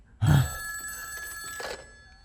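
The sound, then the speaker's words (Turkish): A telephone bell rings loudly in a sharp burst for an incoming call from Honeywell, with steady bright tones lingering and a second fainter ring pulse near the end, heard alone without talking. “Hadi hemen telefona cevap ver”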